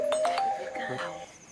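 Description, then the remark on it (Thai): A phone rings with an incoming call, a short electronic melody of chiming, bell-like tones sounding clearly, with no talking over it. “ขอโทษนะครับพอดีสายเข้า”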